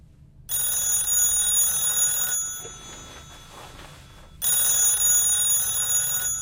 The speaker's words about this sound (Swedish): Det är så lugnt och skönt i Ernies rum. Men just när han ska somna ringer telefonen.